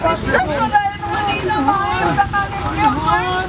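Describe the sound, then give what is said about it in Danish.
Several extras acting as casualties in the Home Guard emergency exercise Blåtand moan and groan at once, their wavering, drawn-out cries overlapping in a steady murmur over a low background rumble, as more come from the train. “figuranter, vi kan høre, der ligger og jammer sig og spiller skuespil”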